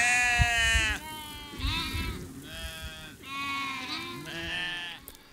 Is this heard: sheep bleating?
yes